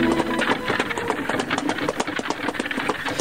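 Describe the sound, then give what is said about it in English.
Rapid, steady clatter of Naaman's horses' hooves mixed with the rattling rumble of his chariot wheels as they arrive at the house of Elisha, a dense rhythmic racket that holds at an even loudness throughout, with no voices. “So Naaman went with his horses and with his chariot to the house of Elisha, where the prophet sent a messenger out to instruct Naaman.”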